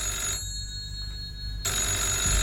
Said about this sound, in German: Eben als er die Stube betrat, klingelte das Telefon.